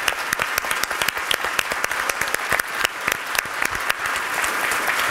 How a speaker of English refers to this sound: A round of applause for everyone.